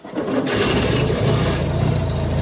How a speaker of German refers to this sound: Ihr Revival als elektrische Ente schwierig für echte Entenfans, denn die erkennen ihre Original Deux Chevaux am Sound.